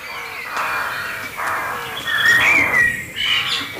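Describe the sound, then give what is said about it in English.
A blackbird's alarm call rings out in a string of sharp, agitated notes, fairly close and loud, with fainter birdsong in the outdoor background, just as rain has eased off. “a blackbird alarm call.”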